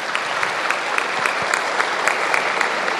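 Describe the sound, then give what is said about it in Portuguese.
A crowd at the Canção Nova sanctuary claps steadily to welcome a visiting caravan from Castelo, Espírito Santo, a dense wash of many hands with individual claps popping out, sustained and fairly loud throughout with no voices on top. “Uma salva de palmas para elas, minha gente.”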